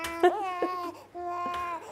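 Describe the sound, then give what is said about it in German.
A hungry four-month-old baby boy cries in two long, wavering wails separated by a short pause, fairly loud, with a steady low hum underneath. “Oh, ich höre mein Baby.”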